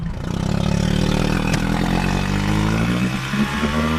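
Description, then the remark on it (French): A motorboat engine runs steadily and loudly on the shallow salt-water lagoon of the Étang de Bages et Sigean, travelling about 2.5 km to the bird island, a continuous low throbbing drone with a slight rise in pitch as it speeds up, no voices present. “On a à peu près 2,5 km de bateau pour arriver jusqu'à l'île.”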